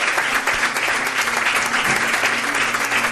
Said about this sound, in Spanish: Os pido un aplauso para él.